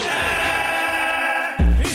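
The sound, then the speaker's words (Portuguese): A loud Brazilian football crowd at a match of the Brazilian national team shouts in unison, a dense sustained roar of many voices that swells into a heavier, booming surge near the end. “Esse grito é do Brasil mesmo. Ontem teve um jogo.”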